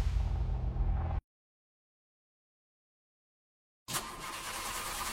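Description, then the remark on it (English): A car engine rumbles loudly for about a second, cuts to silence, then returns as a harsher, rattling engine noise that runs steadily to the end. “Not exactly music to your ears, more like painful noise and a pinch to your wallet. Make sure your car is ready for the ride ahead.”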